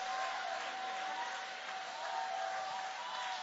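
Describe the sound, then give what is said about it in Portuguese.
A large church audience applauds steadily with hands raised in praise of God, a dense wash of clapping from many hands that holds at an even level throughout, with no voices standing out. “Levanta a mão então e vai aplaudindo.”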